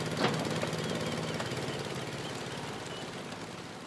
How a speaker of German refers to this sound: Also das hier ist ein vollkommen ordinärer Honda Stationärmotor mit 9 PS und Fliehkraftkupplung. Ein wunderbares Gerät, kann man hier mit dem Tau anziehen, ne? Und läuft eigentlich relativ zuverlässig.